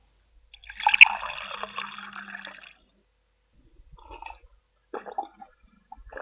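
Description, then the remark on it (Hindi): Water is poured into a vessel for a child who asked for a drink, in a steady stream lasting about two seconds, followed after a pause by a few short, softer splashes and handling sounds, with no talking. “माई, बबुआ पानी मांग रहा है, देकर आती हूँ।”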